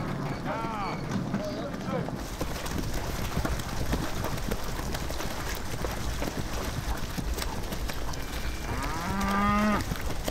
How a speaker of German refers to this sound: Die Kühe werden bei Ebbe vom Festland auf die Halligen getrieben. Fester Boden unter den Hufen wäre ihnen allerdings sichtbar lieber.